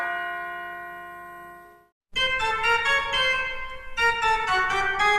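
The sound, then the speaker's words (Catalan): Bells ring out clearly: one long resonant strike fades away, then after a brief silence a rapid cascade of overlapping chimes peals loudly and continuously, bright. “llavors és molt bonic veure al final dels concerts doncs, com la gent surt amb una cara de voler dir és veritat el que he escoltat, és veritat, són campanes, i, doncs sí, és veritat, és així.”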